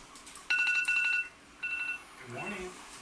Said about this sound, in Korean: 기상알람이 울리자 비로소 침대로 향한다.